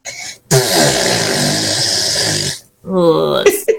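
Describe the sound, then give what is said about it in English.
A child blows a long, loud raspberry imitating their mum's fart, sustained for about two seconds, then follows with a shorter wobbly vocal noise and a brief squeak at the end. “can you do me an impression of your mum's bottom burps, please?”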